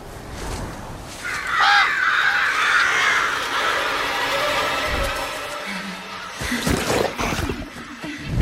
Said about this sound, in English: The flock of crows begins their assault, and her feet are trapped in the swampy earth as she tries to flee.